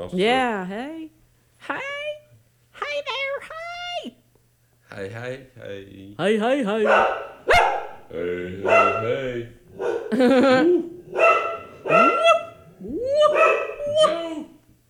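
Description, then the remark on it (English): A dog named Joan, a guard dog, barks in a long, loud series of yips and bow-wows, mixed with high, whiny cries, with only brief pauses between bursts. “So we just heard Joan barking.”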